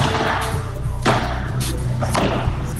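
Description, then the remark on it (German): Padel balls are struck with paddles in a sharp, irregular series of hard thwacks, several clear hits over a steady low hum of activity in an indoor sports hall in Remscheid, during a world record attempt by four men from Wuppertal playing padel for two days straight, with no talking. “4 Männer aus Wuppertal wollen da quasi 2 Tage lang am Stück Paddel spielen.”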